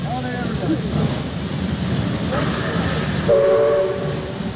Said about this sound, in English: Our eyes met fleetingly as the train ground to a standstill.